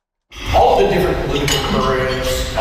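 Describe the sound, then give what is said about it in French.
Cutlery clinks and clatters against plates at a Tuesday lunch at the Royal Glenora Club in Edmonton, with a steady murmur of many voices chatting underneath. “Entre les claquements de couverts, mardi midi au Royal Glenora Club à Edmonton, les deux anciens premiers ministres rappellent aux Albertains de voter pour le maintien de la province au sein du Canada.”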